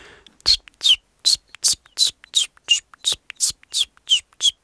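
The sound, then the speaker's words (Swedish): A person imitates common chiffchaff song, whistling about a dozen short, even notes in a steady, swinging rhythm that alternates between two slightly different high pitches, with nothing else heard. “Jag har varit i Göteborg nyligen och där sjöng bland annat gransångar som är ganska sentida invandrare i södra Sverige. Hur låter den? Ja, ungefär så här.”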